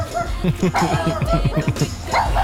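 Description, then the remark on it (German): A person imitates a dog barking with a quick string of short, rhythmic voiced yelps, about a dozen in a row, fairly loud. “So tut ein Hund.”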